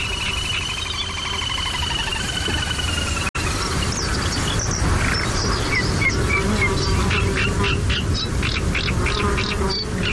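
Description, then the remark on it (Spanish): A steady, droning buzz of mosquitoes fills a reed marsh in the Albufera wetland at the Tancat de Emilia on a very hot day, unbroken, while birds chirp and twitter in quick bursts over the insect hum. No one speaks. “Y sobre todo ese zumbido como un poco desquiciante, que son los insectos, los mosquitos.”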